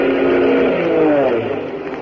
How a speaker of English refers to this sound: Look, a plane. It's coming this way. They see us. It's an army plane.